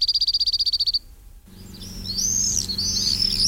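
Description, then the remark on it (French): A cirl bunting sings a fast, dry trill of about a dozen high, evenly spaced notes lasting a second. After a short pause, other birds chirp and twitter over a low steady hum. “Le bruyant zizi aussi, on peut l'entendre toute l'année.”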